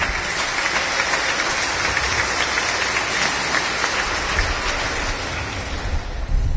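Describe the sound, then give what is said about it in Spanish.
A church audience breaks into sustained applause for the Holy Spirit, a dense, steady wash of many hands clapping at once, holding an even loudness for several seconds with no voices heard over it. “¿Cuándo dan palmas al Espíritu Santo?”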